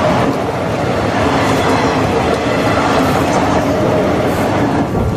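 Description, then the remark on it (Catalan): A train rumbles past in Ripoll on a grey, rainy March afternoon, a steady, fairly loud wash of noise that holds even throughout, with no clear breaks or individual clacks standing out. “Sento el so dels rius, algun cotxe i de tant en tant el tren.”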